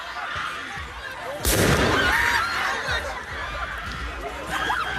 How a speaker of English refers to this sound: Just hear what seems to be fireworks going off there.